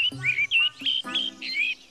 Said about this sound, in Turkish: Her şey ne kadar güzel. Baksana etrafına. Şu kuşların güzelliği mesela.